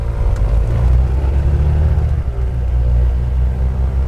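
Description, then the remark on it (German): A small airplane engine, started with everyone aboard at the small airport of Lampedusa, revs up into a loud, steady, rumbling drone with layered low harmonic tones that shift slightly partway through. No voices are heard. “Als wir endlich alle im Flieger sitzen, lässt Mirko den Motor aufrollen.”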